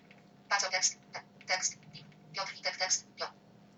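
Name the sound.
phone ringing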